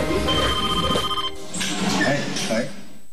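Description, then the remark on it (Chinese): A telephone rings with a bright, steady electronic tone in two bursts, fairly loud, over a busy background that may include faint voices: a call in June 2015 from the Gulou District construction bureau in Xuzhou, China. “2015年6月，一通来自徐州的电话带来了挑战。”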